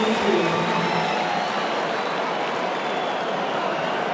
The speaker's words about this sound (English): Crowd.